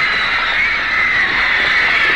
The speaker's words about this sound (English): Women scream.